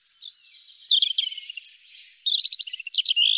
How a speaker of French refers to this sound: Durant les beaux jours, de septembre à décembre, vous pourrez entendre le chant du rouge-gorge.